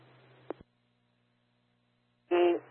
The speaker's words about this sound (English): I didn't know if you just copied those tones. I sent out a test tone. Absolutely nothing came through.